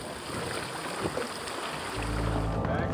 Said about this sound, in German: Unser Boot legt ab und das Schiff der Athleten legt an.